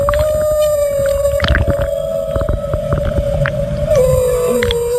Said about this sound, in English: It's a humpback whale, but that's okay. It's a humpback.